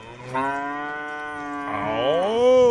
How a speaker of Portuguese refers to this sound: Boi, agora mandou fotografia, vídeo aqui de boi, ó. Ô, rapaz, boiada bonita. Nelore, aqui é tudo Nelore, aqueles bois.